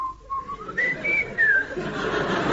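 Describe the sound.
A person whistles a bird-like call, imitating a bird with a few clear sliding notes that rise in pitch and then fall, moderately loud over soft background hiss.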